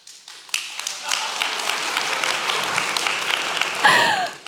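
An audience breaks into sustained applause during a talk, dense overlapping claps holding steady for several seconds, with a few cheers or shouts rising near the end.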